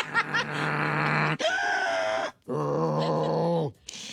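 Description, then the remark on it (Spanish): A person imitates the small, piglet-like snoring they make while sleeping with a CPAP machine: three loud, drawn-out nasal grunts and squeals separated by brief pauses, with no other talking. “¿Usted hace ruido cuando duerme? Sí, como puerquito, porque uso la máquina, pero así como puerquito, sin más.”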